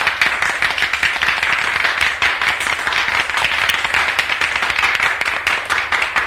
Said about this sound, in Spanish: Pero el colegio estalla en una ovación. Esta sí, espontánea, cálida.